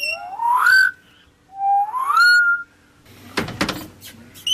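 Birds perched on the branches of small bushes in an aviary at Vogelpark Niendorf singing: two loud, rising whistled calls, each sweeping upward in pitch, followed by a stretch of scratchy, clattering bursts and rustling with no voices.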